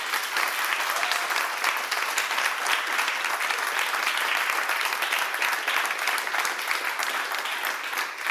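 A crowd applauds steadily for several seconds, a dense, even wash of many hands clapping with no pauses and no voices standing out.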